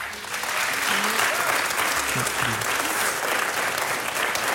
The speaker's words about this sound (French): On vous demande d'applaudir très fort